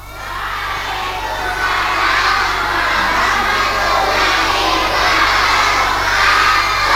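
A large group of kindergarten children from TK Tamalate shout a greeting together in unison in reply to 'assalamualaikum' on the RRI Makassar programme Idola Indonesia Layak Anak, loud and sustained, their many voices blending into one energetic, crowd-like roar that holds steady for several seconds.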